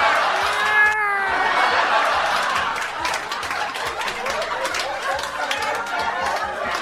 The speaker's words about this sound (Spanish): Hoy día 7 de agosto, el mes de los gatos. ¡Miau!